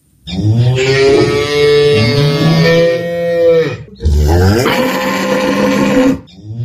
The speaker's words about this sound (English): The sound of mooing cattle filled the air, followed by voices of frustrated farmers whose livelihoods continue to hang in the balance amid the foot and mouth disease outbreak.